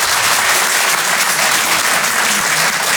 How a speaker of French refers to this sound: Par applaudissement dans la salle, est-ce qu'il y a des gens qui, comme moi, sont nés en province? Donnez-moi de la force par applaudissement.